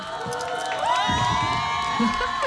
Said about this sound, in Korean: 그 팬분들의 환호성은 마음에 드는 만큼 나왔습니까? 아, 훌륭한 것 같습니다. 훌륭해요?